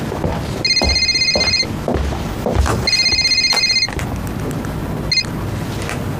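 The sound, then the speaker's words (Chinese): A telephone rings in repeated electronic bursts, two long trills about a second each separated by a pause, then a brief third chirp cut short, fairly loud over a low background rumble. “你怎么才来电话呀？”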